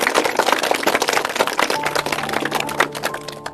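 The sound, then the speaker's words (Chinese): An audience claps together in welcome in a dense, steady burst of applause that continues throughout, loud and crackling, with a faint sustained tone appearing in the second half. “好， 好，来，我们鼓掌欢迎。”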